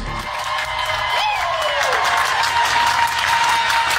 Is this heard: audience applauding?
yes